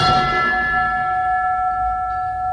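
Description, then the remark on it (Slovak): A small death knell bell (umieračik), the oldest bell, cast in 1859 by William, founder of the Fischer bell-founding family, is struck once, its bright metallic tone ringing on and slowly fading, with no voices. “Je symbolické, že najstarším zvonom je umieračik, ktorý roku 1859 odlial zakladateľ rodu Fischerovcov William.”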